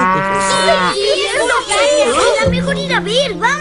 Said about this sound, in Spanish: ¡Sí! ¡Es una vaca!